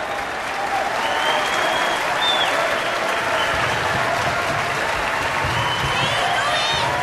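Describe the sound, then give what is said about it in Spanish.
Sustained, dense applause from a large audience in an auditorium, standing to applaud Miles and Ruby after Ruby sings while Miles plays guitar, steady and loud throughout with a few faint cheers and whistles rising above the clapping. “El público se pone de pie para aplaudirles a Miles y a Ruby.”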